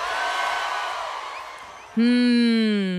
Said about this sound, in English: Big crowd there. Wondering if you're having a good time.